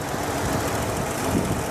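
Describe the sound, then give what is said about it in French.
A car engine idles roughly and continuously, a dense low rumble with a slightly uneven, sputtering quality that hints at misfiring from a carburetor fault. Steady loudness, no voices. “Ça manque un peu de fluidité, vous entendez ? Boum, boum, boum.”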